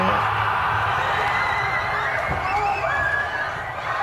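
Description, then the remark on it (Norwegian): A huge crowd of hundreds of thousands in the streets of central Oslo, Norway, erupts in a sustained, loud roar of cheering at a football goal, with shrill whoops and shouted voices rising above the dense wall of noise for the whole four seconds. “Det her lyden av Norges hovedstad som går helt fullstendig av hengslene.”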